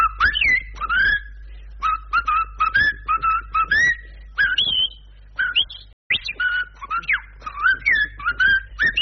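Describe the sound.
A person whistles a lively, bird-like melody imitating a blackbird's song, the piece 'le merle de Galipo', with quick rising and falling phrases, trills and brief pauses, over a low steady hum.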